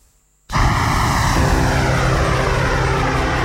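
After a brief quiet moment, a loud, steady roar of the engines of an Israeli Air Force KC-46 Pegasus (Gideon) aerial refueling tanker aircraft kicks in abruptly and holds powerful, with a droning tonal hum running through it.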